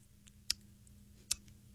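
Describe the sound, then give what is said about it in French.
Two crisp tongue clicks spaced under a second apart, made with the mouth in a studio to mimic a piano metronome's steady tick, with a few fainter clicks between them over a low hum. “Je vais faire un truc de tempo là, sur le piano pour trouver le beat.”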